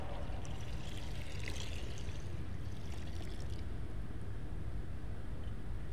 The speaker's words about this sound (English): The water is wild.